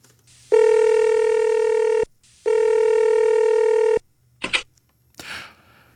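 A telephone rings twice with long, steady buzzing tones separated by a short pause, followed by a couple of quick clicks and a brief soft rustle, with no talking, as one person phones another.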